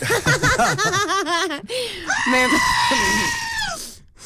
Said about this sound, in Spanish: Basta. Con la cabra gritona.